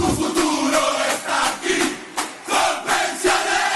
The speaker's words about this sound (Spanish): La tribuna revienta de la dicha porque para ganar este partido estamos todos en la cancha.